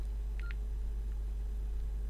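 Two quick electronic beeps from a device's pencil key and right-arrow key being pressed in close succession, then a faint third blip, all over a steady low background hum with no talking.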